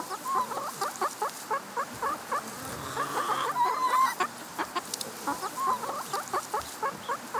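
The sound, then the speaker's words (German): Chickens cluck continuously in a dense, overlapping chorus, with steady short clucks and a few higher squawks rising above, fairly loud with no speech. “Nee, das ist halt ein Huhn.”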